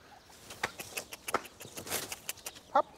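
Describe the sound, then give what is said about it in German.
Young turkeys from a breeding farm chirp and peep in a busy flock in a fresh outdoor run in the front yard, with scattered short calls over soft rustling and one louder, higher call near the end. “Und wenn alle Proben negativ sind, ziehen diese jungen Puten zur großen Herde bei den Weideställen”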